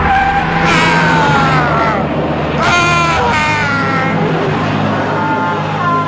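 A truck engine roars loudly and steadily as it drags a man tied to it, with shrill, rising screeches and cries cutting in over the rumble for about six seconds.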